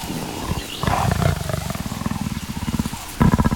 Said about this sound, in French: Un chat en pleine savane? Non, ça ressemble plutôt à un grognement. Ah mais oui, c'est le guépard.